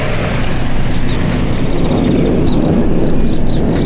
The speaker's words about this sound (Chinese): 前几天飞机离我们远，今天飞机快降落了，离我们近，所以声才大。